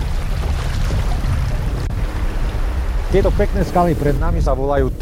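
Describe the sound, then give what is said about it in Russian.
A loud, steady rush of clear river water tumbling over the first small, low rapids as the current strengthens, during a river trip on a craft pushed off with wooden poles, with a voice rising over the churning flow in the second half. “Постепенно течение усиливается, появляются первые пороги, правда, невысокие, а потому не страшные.”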